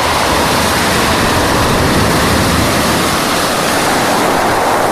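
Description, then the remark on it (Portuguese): A steady wash of sea surf breaking on the shore roars continuously for the whole stretch, a dense hissing rush with no distinct pauses between waves and no voices. “E vocês, quando foi então a última vez que ficaram de frente para o mar?”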